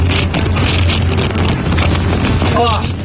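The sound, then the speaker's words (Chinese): Strong desert wind in the Hami Dahaidao wilderness of Xinjiang, China, at 44 degrees, roars steadily and loudly, a dense, unbroken rush of noise buffeting the microphone for the whole few seconds, with a low rumble underneath. “二人入江首站就直奔哈密大海道的荒野秘境，这里的温度高达44度，虽然工作人员告知景区内会刮风，但他们并没有在意，但很快小两口就感受到了新疆大风的威力。”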